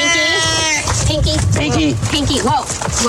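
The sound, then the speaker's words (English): A male domestic shorthair rescue cat lets out a loud, drawn-out angry yowl, its wavering cry continuing as people talk excitedly over it. “We got a wildcat on our hands.”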